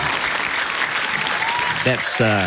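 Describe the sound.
A crowd claps steadily in a dense, noisy wash of applause, with a couple of voices whooping and cheering over it near the end.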